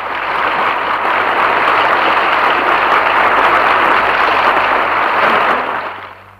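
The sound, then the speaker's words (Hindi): A large crowd in a hall applauds loudly and steadily after a speech by Swami Vivekananda, a dense wash of clapping that fills the hall for several seconds before tapering off at the end. “स्वामी विवेकानंद का ये भाषण सुनकर लोग मंत्रमुग्ध हो गए और तालियों की गड़गड़ाहट से भवन गूंज उठा।”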